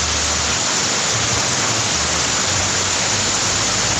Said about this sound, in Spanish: En estos momentos en Chillán tiran el agua con balde, escuchen.